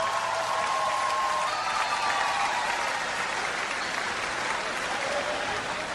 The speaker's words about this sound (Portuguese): Obrigado, o Carlos Marx está cheio. Uma salva de palmas, faz favor.